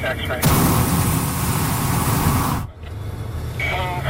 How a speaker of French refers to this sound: je ne sais pas exactement s'il y a un terme pour ça, mais c'est des brûleurs qui sont activés